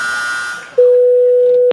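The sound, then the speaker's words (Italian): A steady, unbroken telephone dial tone hums loudly for about a second after a brief stretch of faint background noise, then cuts off with a sharp click. “Stai zitto che adesso devo fare una telefonata.”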